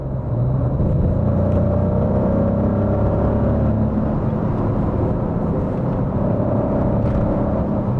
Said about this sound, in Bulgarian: И като звук, и като динамика, този двигател напълно съответства, ако не и засенчва, митичния V8, който Maserati използваше в предишните десетилетия.